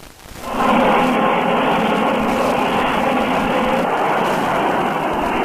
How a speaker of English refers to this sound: A transoceanic airplane prepares to land on an East African airfield.